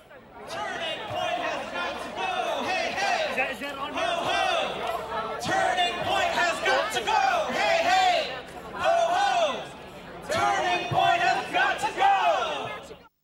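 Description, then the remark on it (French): A protest crowd of a few hundred people on a campus's central square chants and shouts against Turning Point USA and Trumpism in loud, rhythmic bursts, many voices rising together in waves with brief dips between phrases, sustained throughout with a rowdy, electric energy. “Et c'est sans surprise que je trouve ce que je trouve sur la place centrale du campus, comme on l'entend ici.”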